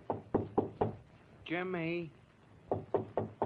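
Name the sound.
knocking on a door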